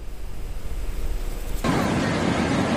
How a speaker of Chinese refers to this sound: 海浪翻滚，溺水男子在海水中起起伏伏。